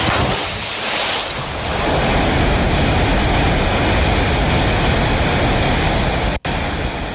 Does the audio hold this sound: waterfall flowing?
yes